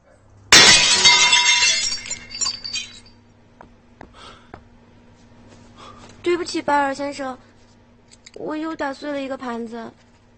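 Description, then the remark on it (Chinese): A plate is broken with one sharp, loud crash, followed by a couple of seconds of scattered tinkling shards settling; afterward, voices speak briefly against a faint steady hum. “我又打碎了一个盘子。”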